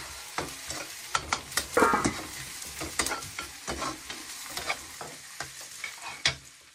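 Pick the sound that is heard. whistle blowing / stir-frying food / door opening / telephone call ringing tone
stir-frying food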